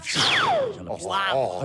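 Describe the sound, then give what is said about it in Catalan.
A voice imitates a lightsaber once on request during an interview on the Catalan show La Renaixença: a bright, loud whoosh sweeping steeply down in pitch, then a wavering, buzzing hum that rises and falls in short swells before fading. “Pots fer l'espasa làser un cop i prou?”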